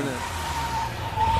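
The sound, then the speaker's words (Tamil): A car pulls in and stops, its engine rumbling steadily with a thin whining squeal riding on top, growing slightly louder toward the end. “ஏ car வந்துச்சுப்பா, அந்த பாரு என்ன கார் அங்கேயும் நின்றுச்சு.”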